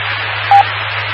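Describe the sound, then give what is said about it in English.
Steady, hissy radio transmission noise with a high waning pitch and a low hum underneath, interrupted by one short, clear beep partway through before the static carries on. “Nope, back to that original transmission sound there. Yeah, lots of noise, high waning pitch there, and the beep at the end.”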